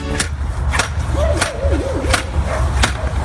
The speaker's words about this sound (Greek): Πάντως είναι όντως τοποθέτηση ομπρέλα στην παραλία. Το ακουστικό που είπε ο φίλος ο Δημήτρης, αυτό ακριβώς είναι. Έτσι κάνει όταν σκάβεις, ξέρεις, με το, ναι, αυτό που κάνει.